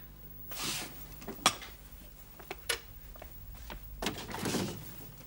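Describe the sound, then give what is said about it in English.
A refrigerator door opens: a soft whoosh, then a sharp click and a couple of light knocks, ending in a longer rattling rustle over a steady low hum. No one speaks. “Let's see what's in the refrigerator.”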